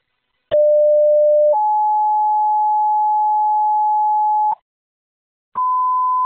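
Loud, steady fire dispatch paging tones alerting Company 14 to a carbon monoxide alarm on Stockard Hollow Road, Wallace: a short lower tone stepping up into a long sustained tone about three seconds, a brief gap, then another steady tone begins. No voices.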